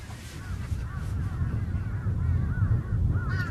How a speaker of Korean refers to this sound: 지금 까마귀 소리 많이 들리잖아요. 예. 까까.